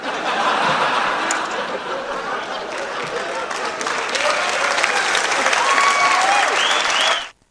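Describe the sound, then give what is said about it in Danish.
A room full of people claps steadily for several seconds, dense and fairly loud, with some laughter and cheering mixed in before it stops abruptly, on Radio Favreskov. “Ja, det kræver faktisk et lille bifald.”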